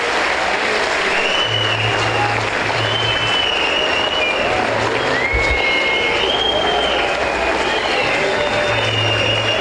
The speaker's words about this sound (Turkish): Ama öncelikle sizlerden, başta Okan hocamız olmak üzere, teknik ekibimize, futbolcu kardeşlerimize ve tüm çalışanlarımıza güçlü bir alkış göndermenizi rica ediyorum.